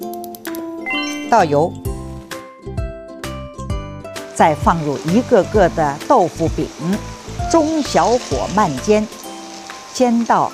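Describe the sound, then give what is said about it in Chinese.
Steady hissing sizzle of small round tofu cakes slowly pan-frying in hot oil over medium-low heat, mostly beneath a voice and light music, growing denser and brighter partway through and continuing to the end. “然后呢，将它做成一个个的小圆饼，开火热锅，倒油，再放入一个个的豆腐饼，中小火慢煎，煎到一面定型后，翻面煎到两面金黄即可。”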